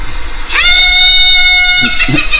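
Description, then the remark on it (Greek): A rooster crows once at 6 in the morning in a village, a loud, bright sustained call of over a second before it cuts off, followed by a few faint low sounds. “Αυτό είναι κόκορα το πρωί.”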